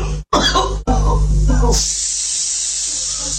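A few harsh coughing bursts in quick succession, separated by brief pauses, then a steady airy hiss carries on to the end.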